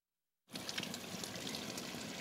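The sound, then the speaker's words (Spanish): After a short silence, a fully opened tap runs a thin stream of water, with only a little coming out: a steady trickling and splashing that continues evenly without any voices. “Está abierto todo el grifo y sale muy poca agua.”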